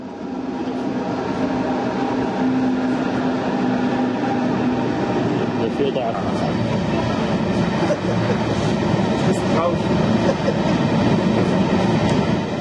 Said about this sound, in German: Die Versuche, rollende Erzzüge aufzunehmen, scheiterten immer an einem Detail. Entweder man stand an der falschen Stelle oder hatte die Kamera zu spät eingeschalten. Aber irgendwie bekam man dann doch noch einige auf Film und Foto gebannt.